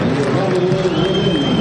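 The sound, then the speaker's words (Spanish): A dense roar from a big stadium crowd, steady and loud throughout, with clapping and cheering blending into a continuous wash of noise and a faint sustained whistle riding on top. The crowd applauds as the stadium announcer reads out the Independiente players against Gimnasia, starting with Reyes. “A ver, Reyes el primero. Aplausos.”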